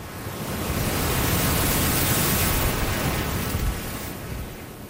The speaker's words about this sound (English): But if they're coming in and they're peeling, you'll actually hear the waves start to go because it's curling in on itself.